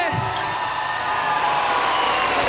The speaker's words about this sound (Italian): Prenditi tutto l'applauso della piazza! Fa effetto, vero?